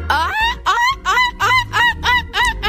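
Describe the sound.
A boy imitates a seagull call: about seven sharp, squawking cries in quick, even succession, loud, with no other talking.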